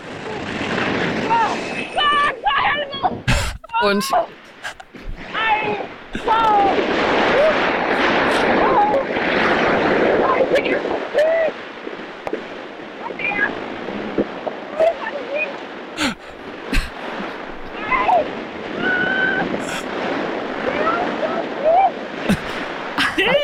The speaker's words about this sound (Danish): Altså, du flyver jo med 200 km i timen. Ja, det er det. Og det blæser lidt, og det var minus 10 grader. Ja. Så det er måske ikke den bedste lydoptagelse i verden.